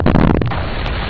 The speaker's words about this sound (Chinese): 人家说那是在开山，开山才能通河，一条大河。